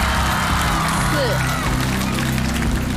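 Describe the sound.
A steady, dense wash of crowd applause and cheering from a live audience during a challenge to beat a record of 58 somersaults runs unbroken for about three seconds, with a murmur of voices mixed into the noise.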